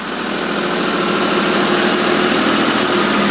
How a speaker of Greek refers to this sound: Είναι τρακτέρ, όχημα που προσπαθεί να πέρασε τη γέφυρα.